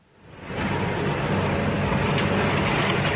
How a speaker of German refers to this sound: hat seinen Trecker mit einer Riesenhacke ausgerüstet und fährt durch das abgeschnittene Gras. Es soll aufgelockert werden, damit es schnell zu Heu